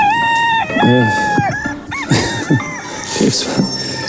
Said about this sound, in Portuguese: Está o galo a cantar, está o galo a cantar.